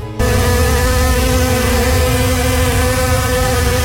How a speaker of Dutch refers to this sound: Er zijn wel heel veel muggen. Ja, dit is een beetje aangezet, maar even voor het idee. Honderden muggen kwamen dat vliegtuig binnen vliegen.